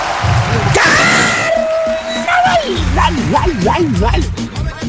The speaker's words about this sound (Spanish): El medio gritito que se mandó nuestro pariente.